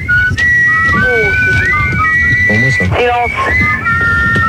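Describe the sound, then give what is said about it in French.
A whistled march melody plays from a record given as 'Le fond de la rivière Kouaï', bright tonal notes in a steady marching rhythm over a low, busy band accompaniment, loud throughout with brief pauses between phrases. “Je pense qu'on va mettre, je sais pas quoi, un disque. Le fond de la rivière Kouaï.”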